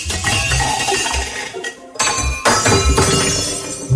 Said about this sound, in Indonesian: Hari-hari berikutnya, Dick sangat mengantuk. Dia terus menjatuhkan piring-piring ke lantai dapur.